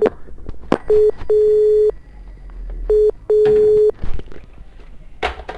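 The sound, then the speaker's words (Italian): A mobile phone calling the number 117 in Italy: a telephone line tone sounds in a steady short-then-long beep pattern, repeating twice, loud and clear over faint clicks and background rustling. “A me il 117 lo posso chiamare del cellulare.”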